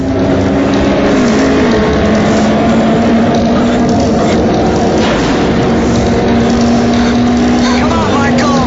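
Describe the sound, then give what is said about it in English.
Loud motorbike engines race continuously, their droning pitch holding steady and then climbing as one revs harder, with a windy roar underneath. “He drives faster and begins to pass David.”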